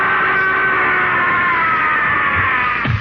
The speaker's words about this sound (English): What woke me was …'s scream.